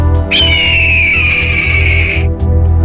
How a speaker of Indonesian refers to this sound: Dari kejauhan, terdengar suara pekikan burung Garuda yang siap menerkam siapapun.